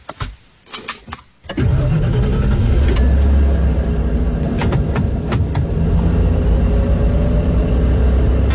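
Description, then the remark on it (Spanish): A few clicks and a brief cranking, then a car engine catches and roars into a loud, steady low rumble that carries on as the car moves off. No one speaks. “Mami, anda que sendas el auto.”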